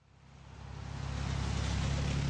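Traffic swells, a car's engine rumble and broad tire hiss growing louder over a couple of seconds as cars zoom past on a wet road in the rain at the Juneau Douglas Bridge intersection in Juneau on Tuesday morning, past candidates and supporters waving signs.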